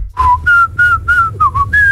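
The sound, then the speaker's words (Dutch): A person whistles a short tune as a single clear tone, in about six brief notes with small pitch steps, fairly loud, with no talking. “Dus je hebt eentonig, dat is dan...”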